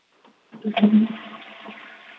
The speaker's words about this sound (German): Oh, das war schon mal vom August die Klospülung.